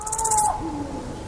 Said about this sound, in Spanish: Hay unos búhos, un cárabo.